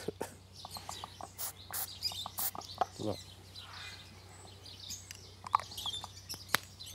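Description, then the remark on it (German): An injured bird, apparently hurt in a fight with another bird, gives short, sharp calls and squawks in quick irregular bursts during a vet examination, over a steady low hum and faint handling noises, with a voice murmuring now and then. “Da haben sich offenbar zwei Vögel einen Kampf geliefert.”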